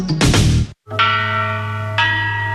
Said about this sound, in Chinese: 一段青铜钟声吟唱着曾经的辉煌